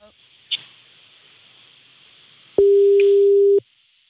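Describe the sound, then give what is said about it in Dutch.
A steady, mid-pitched telephone tone sounds for about a second, the kind heard after a call fails to connect, over a faint hiss with a brief click earlier on. It is heard during a phone call made live on radio. “We zitten nu zeg maar met het hele land zitten we naar een overgangstoon.”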